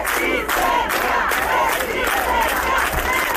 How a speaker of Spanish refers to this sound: Así sonaba en las últimas horas el obelisco, donde ha habido una concentración para reclamar al Gobierno medidas más efectivas.